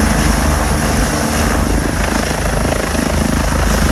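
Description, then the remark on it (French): A civil security helicopter takes off after its pre-flight checklists and autopilot tests. Its rotor beats in a steady rapid pulse under a loud, constant engine roar, with no voices. “Voilà maintenant, vous savez tout, l'envers d'un décollage du Dragon 25, l'un des hélicoptères de la sécurité civile, n'a plus de secret pour vous.”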